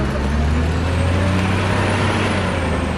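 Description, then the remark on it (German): A heavy wheel loader's diesel engine roars, loud and continuous, with a deep low rumble and a broad hiss, as calcium sulfate stone for chalk is loaded onto a truck in a quarry. Nobody speaks. “Im Steinbruch wird der Stein mit einem Radlader auf einen Laster geladen.”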